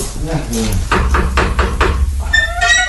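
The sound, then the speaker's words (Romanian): Four firm knocks on a door in an even rhythm, following a brief voice at the start, knocking to ask about a furnished room for rent; a higher-pitched voice begins speaking just after the knocking stops. “Da, ia vine cu să batem la ușă să vedem despre ce e vorba.”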